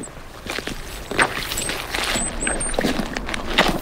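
Boots squelch through soggy, spongy peat bog that feels like standing half in water, a handful of soft wet squishing steps in an uneven rhythm, with faint high chirps and a steady hiss behind them. No one speaks.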